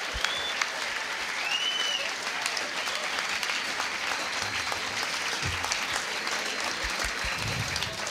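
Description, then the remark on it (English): Steady, sustained applause from an audience fills the whole stretch, dense clapping at an even level with a few whistles cutting through near the start. “How about a round of applause for the maggot from Mungar?”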